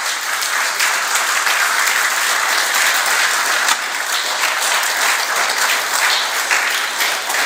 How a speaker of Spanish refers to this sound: Y yo de ustedes le hubiese dado una ofrenda de palmas a mi Señor.